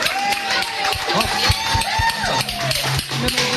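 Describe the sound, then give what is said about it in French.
An audience applauds a batucada percussion group during a live radio broadcast: loud, steady, dense clapping filling the whole stretch while scattered voices cheer and whoop over it. “Vous pouvez les applaudir.”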